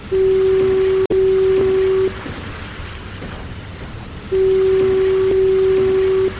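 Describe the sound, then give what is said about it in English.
Two long, steady blasts from the automated electric fog signal of the Point Wilson lighthouse, each about two seconds with a low, loud, unwavering tone, separated by a pause filled with soft rain-like hiss. “In the 1970s, Point Wilson entered the modern age, and the lighthouse and fog signal were automated. An electric signal replaced the compressed air horns.”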